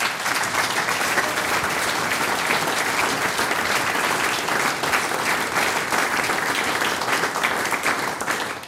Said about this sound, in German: Liebe Damen und Herren, Sie haben den ganzen Abend lang so fleißig für uns geklatscht.